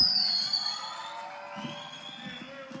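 A crowd applauds and cheers in a steady, dense wash of clapping and voices, with a shrill whistle rising briefly near the start before the noise eases slightly.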